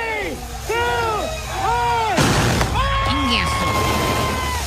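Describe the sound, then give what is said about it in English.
A sudden loud bang of fireworks (cohetes) bursting at Tekashi 6ix9ine's gender reveal party cuts through excited voices and cheering, followed by more shouting as the crowd continues without pause. “They were cohetes.”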